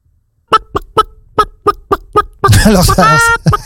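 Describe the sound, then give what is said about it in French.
A person imitates a hen as a sound effect in a guessing game, clucking in a steady series of short, sharp bursts before breaking into a loud, drawn-out squawking cackle. Loud, with no other sounds. “qui imite la poule.”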